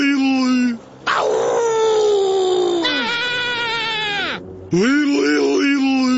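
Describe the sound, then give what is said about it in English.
A person loudly imitates a howl to scare off coyotes: three drawn-out, wavering howls, the middle one long and sliding downward, with short gaps between. “according to Doug Ford, nothing a little howling can't stop”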